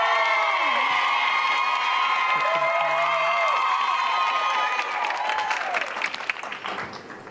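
A crowd applauds steadily in honour of a guest, with scattered cheers and whoops rising over the clapping, a dense, continuous wash of sound that stays loud throughout, with a few voices shouting in the mix.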